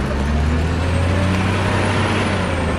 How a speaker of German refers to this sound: Im Steinbruch wird der Stein mit einem Radlader auf einen Laster geladen.